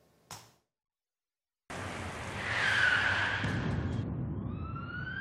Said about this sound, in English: The impact was deafening. A truck failing to yield the right-of-way broadsided the van